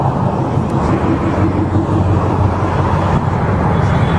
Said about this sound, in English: Here we go. Here's the officer pulling over this vehicle.